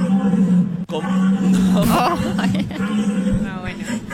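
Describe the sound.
A man imitates a rutting stag's call at the world deer-calling championship, letting out long, deep, strained bellows that rise and waver. The voice is loud, with a steady hum of background noise underneath.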